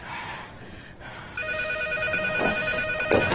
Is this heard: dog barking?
no